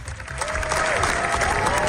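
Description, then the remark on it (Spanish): A large crowd applauds steadily at the Cannes film festival, a dense, continuous wash of clapping that holds at full strength throughout, with a few whistles rising faintly above it. It is a roughly 20-minute standing ovation for Los Javis' film La bola negra. “Es la ovación más larga de lo que llevamos del certamen, y los directores españoles lo han logrado con una película que es una carta de amor a Federico García Lorca”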